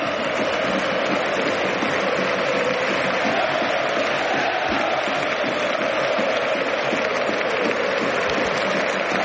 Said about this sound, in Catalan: Lewandowski ara que aplaudeix a l'afició tots aquests crits, aquests ànims que li estan dedicant.